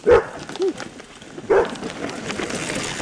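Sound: dog barking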